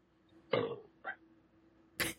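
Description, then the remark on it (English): A throaty burp rumbles out, followed by a short croaky gulp and then a harsher, breathy burst, each separated by quiet pauses with no talking. “Aw, I wish I could burp right back at you.”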